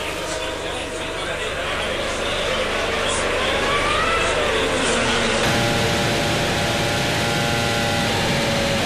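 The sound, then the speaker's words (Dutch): A Formula One car, its fuel hose just disconnected at a pit stop on lap 31 of the race, pulls away on slick tyres and accelerates out of the pit lane, its loud, high engine whine rising in pitch over continuous mechanical noise. “Lostrekken van de brandstofslang. En weg op sliks.”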